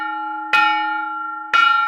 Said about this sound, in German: Dadurch kann gezeigt werden, wie sich der Guss und der Klang der Glocken verändert hat. So etwa könnte eine Glocke vor 1200 Jahren geklungen haben.